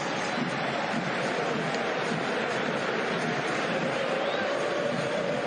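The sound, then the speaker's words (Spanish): A whole stadium gives a sustained ovation to midfielder Azcacíbar, a former Pincha player, as he leaves the field in a match against Paraguay, a dense, steady roar of cheering and applause at an even loudness, with no single voice standing out. “La ovación de todo el estadio para el ex pincha.”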